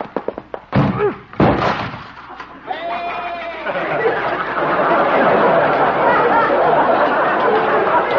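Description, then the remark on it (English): Doc's door is smashed through with a few heavy thuds and a splintering crash, followed by a goat bleating and a sustained, noisy commotion. “Well, at least Doc will have to get a new door.”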